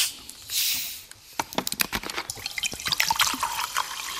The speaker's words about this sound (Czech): Ten oxid uhličitý je rozpuštěný v té tekutině. Jakmile snížím tlak tím, že tu láhev otevřu, tak se tam vysráží. Ten oxid uhličitý se nejčastěji sráží tam, kde jsou drobné nečistoty.